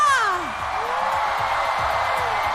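An audience claps and cheers in a steady, dense wash of applause, with a high sliding whoop at the start that falls away as the clapping carries on.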